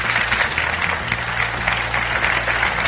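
An audience at a science discussion panel claps steadily for a panelist, a university professor, as she is introduced, a dense, continuous patter of many hands at an even loudness, with no voices over it.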